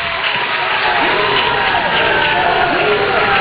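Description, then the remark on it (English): A large Florida crowd roars and cheers for a home-state player from Tampa at the quarterfinals of the Papa Shot National Championships, a steady, dense wash of noise with scattered whoops and shouts rising above the din throughout. “He's taking advantage of that big crowd. They love him here.”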